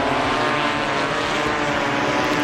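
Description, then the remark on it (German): A steady, dense mechanical buzz of drone propellers in flight, loud, with a constant whirring hum and no pauses, from drones of a new forest-fire early-warning system in Bavaria, Germany, flying over the forests. No one speaks. “Es sind Drohnen, die dann über die Wälder fliegen.”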